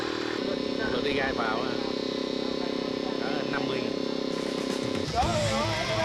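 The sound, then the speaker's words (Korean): A motorcycle engine drones steadily for several seconds, then cuts off abruptly, with voices talking faintly in the background throughout; workers ride motorcycles back and forth carrying harvested shrimp between a shrimp farm and a truck. “새우를 내려놓자마자 다시 양식장으로 달려가는 오토바이 일꾼들.”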